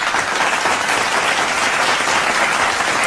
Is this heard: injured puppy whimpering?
no